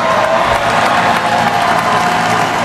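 A huge crowd, an estimated 2 million people at the ticker tape parade for the NBA champion New York Knicks in Lower Manhattan, New York, cheers and applauds continuously as Finals MVP Jalen Brunson addresses them, a dense, loud roar of clapping and shouting voices without pause.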